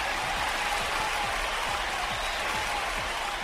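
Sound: applause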